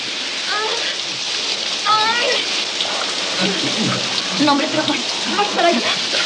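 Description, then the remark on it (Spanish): A steady hiss of shower water spraying and splashing continues throughout, the water falling on a woman's face in a shower, while a voice speaks quietly over the running water. “El agua le cae en la cara.”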